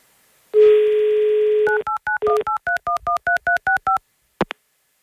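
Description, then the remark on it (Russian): A steady telephone dial tone, then a quick run of about ten distinct touch-tone keypad beeps in a brisk rhythm, ending with a short click. Loud, with no talking. “Давайте еще раз звоним по телефону Марине.”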